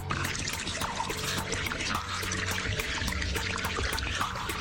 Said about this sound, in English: All this iceberg is making crazy noise. It sounds like it's been deep.